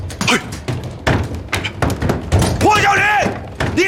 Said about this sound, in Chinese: 别敲了，给你们开门便是。